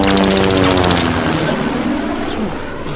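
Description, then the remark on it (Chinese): A loud propeller enemy aircraft drones overhead, its throbbing engine tone giving way to a broad rushing roar that slowly eases as it passes. No voices are heard. “敌机来了，大家隐蔽。”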